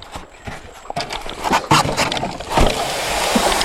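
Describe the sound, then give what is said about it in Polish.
Scraping and irregular wooden thumps of a boat being shoved off sand, giving way to a steady rush of water as it floats free and sets off, rowed with oars, toward Manicora; no one speaks. “Ej, łódka jest zepchnięta teraz z piasku i płyniemy.”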